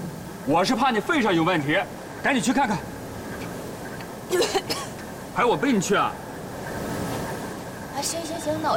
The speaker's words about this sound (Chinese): 你的咳嗽怎么越来越重了？没去医院看看？ 没事儿，就是感冒了。 我看不像感冒，赶紧去看看。